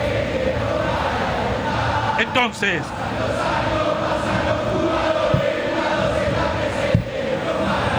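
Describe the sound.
A football stadium crowd of Boca supporters roars, cheers and shouts in a dense, steady wash of noise for the whole stretch during a match against O'Higgins, with a brief warbling tone early on and a single spoken word over it.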